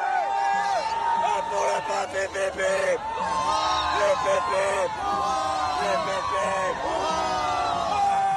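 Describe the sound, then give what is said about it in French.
A large, fervent crowd of faithful cheers and shouts together, many voices rising in overlapping whoops and calls that swell and stay loud and continuous throughout. “On l'entend, la ferveur des fidèles, et elle est partagée aussi par le clergé, bien sûr.”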